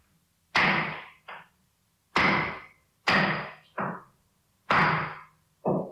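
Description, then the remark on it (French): A hammer pounds nails in a steady rhythm, each heavy, ringing blow followed by a lighter tap, repeated four times. Loud, with no voices. “Tu es là, dans ta maison, et tu commences à entendre des bruits de marteau.”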